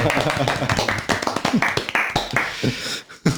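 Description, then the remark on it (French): A small group claps their hands in quick, uneven bursts to applaud poetry, with voices talking over the applause before it fades out. “Et ça s'applaudit la poésie du coup Ah, chez nous, oui.”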